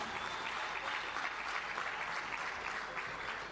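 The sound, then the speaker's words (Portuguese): Sustained applause from an audience at a Frelimo party gathering, a dense steady patter of many hands clapping at even loudness throughout, with no voices standing out. “Está mesmo a juventude hoje, mas uma salva de palmas.”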